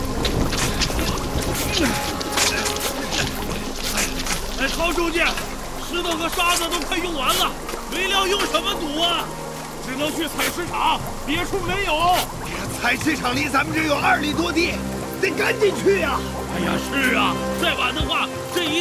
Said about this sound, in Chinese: 海风越刮越大，雨势凶猛，堵不住啊！